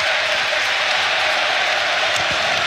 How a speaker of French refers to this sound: C'est pas vraiment une minute de silence, c'est plutôt une minute d'applaudissements, comme vous l'entendez.